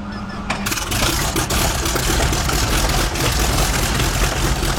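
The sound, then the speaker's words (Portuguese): The engine of a T6 propeller fighter plane catches after a brief quieter moment, then runs on as a loud, steady roar with a deep rumbling drone underneath. “Numa das cartas que escreve a Maria dos Anjos, António Lobato conta-lhe como a chegada do primeiro caça à Guiné, um avião T6, foi um verdadeiro acontecimento.”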